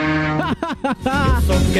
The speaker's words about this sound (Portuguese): Quando você tá na chamada, eu tô aqui, ó, passando Boituva com a sua mulher dentro da gabine. Escuta o barulho aí, eu vou buzinar pra você, seu trouxa.